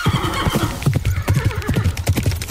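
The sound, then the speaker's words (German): A horse whinnies loudly while hooves clip-clop in a steady, quick rhythm, with no talking over the sounds. “Schrecken sie auf, schauen, was los ist und galoppieren vielleicht sogar weg.”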